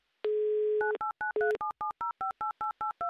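A steady telephone dial tone gives way to a quick, even run of about a dozen touch-tone keypad beeps as a number is dialed, clear and close with no voices.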